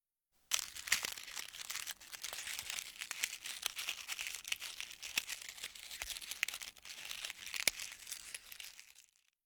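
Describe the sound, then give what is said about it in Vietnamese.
Continuous crisp crackling and crinkling as something thin, hard, dry and brittle is bitten and breaks apart, with frequent sharp snaps over about eight seconds and no voices. “Đúng là cảm giác cắn vào cái gì đó mỏng và giòn nhỉ”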